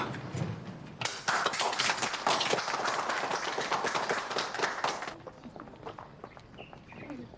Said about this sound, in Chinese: 同志们，我郑重建议，为了咱们的检察官安妮，为了何路源，为了韩轩，为了我们工作组的全体成员，起立，鼓掌。